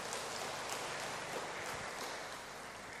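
A parish audience applauds to welcome a returning Brother, in a dense, steady wash of clapping that holds at an even level for about three seconds, with no voices standing out.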